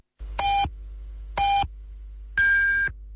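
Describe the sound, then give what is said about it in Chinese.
Radio time signal beeps marking 10:30 Beijing time: two short, evenly spaced tones followed by a longer, higher-pitched final beep, clear and loud over a steady background hiss. “北京时间10:30。”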